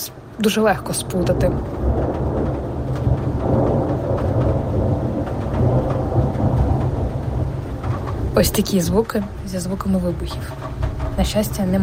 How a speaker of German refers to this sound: Hier in Kiew ist das 1. Mai-Gewitter. Früher mochte ich das sehr, aber jetzt habe ich mehr Angst als früher. Es blitzt, gleich donnert es.